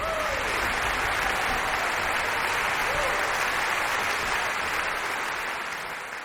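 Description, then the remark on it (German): Sustained, dense applause from a large audience in the Max-Littmann-Saal in Bad Kissingen at the Kissinger Sommer festival for the Czech Philharmonic and conductor Dalia Stasevska after Dvořák's Symphony No. 8. It is a steady wash of many hands clapping at even loudness that eases off slightly toward the end, with no talking. “Großer Applaus in Bad Kissingen für die Tschechische Philharmonie.”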